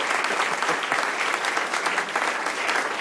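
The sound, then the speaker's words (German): Steady applause from an audience after a reading, dense clapping at a constant loudness for a few seconds with no voices over it. “Und hat euch das gefallen, dass ich was vorgelesen habe? Falls ja, dann Applaus.”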